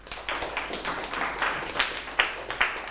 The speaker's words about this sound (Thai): ถูกต้องครับปรบมือให้กลุ่ม2หน่อยครับ